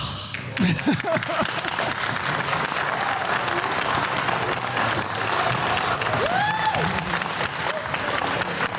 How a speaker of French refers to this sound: Alors ça vous fait quoi? Ça vous fait quoi d'être applaudi là après ça?